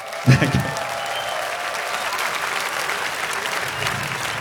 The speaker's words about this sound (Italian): Let me hear an applause